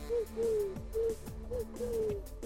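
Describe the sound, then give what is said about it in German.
A person imitates a pigeon's cooing, a series of about six soft, hollow coos in a short-long rhythm, clear with no other talking. “Ich kann so eine Taube nachmachen.”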